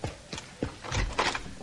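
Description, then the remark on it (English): A door is opened: a few sharp knocks and clunks from the latch, followed by a brief scraping, rustling swing. No voices are heard. “Open the door!”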